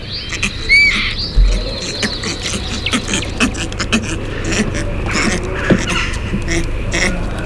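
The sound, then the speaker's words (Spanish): Low, rough purring and gurgling calls of a northern bald ibis repeat irregularly over a busy background of chirps and faint clicking, with no one speaking. “Este sonido no muy agraciado es el ronroneo, el gorgoteo del ibis eremita, que es un ave en peligro de extinción, que está siendo objeto de un programa de reintroducción.”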